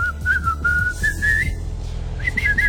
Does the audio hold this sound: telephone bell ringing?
no